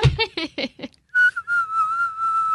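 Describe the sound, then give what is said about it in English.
After a brief burst of voice, someone whistles one sustained, slightly breathy note that wavers and dips a little in pitch, held steadily for over a second. “Can you whistle?”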